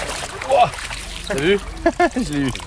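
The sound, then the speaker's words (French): Steady splashing and rushing water as someone wades up the Pignol stream in Puy-de-Dôme with fishing federation staff, while a voice talks over it. The stream has very low water. “Je remonte le ruisseau de Pignol en compagnie du personnel de la fédération de pêche du Puy-de-Dôme.”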